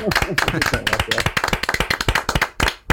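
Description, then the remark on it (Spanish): An audience breaks into a first ovation welcoming a guest on a show, many hands clapping in a dense, uneven patter while voices talk over it; the clapping thins briefly near the end before picking up again. “Fíjate, todavía sin haber respondido, te ibas a esta primera ovación, naturalmente.”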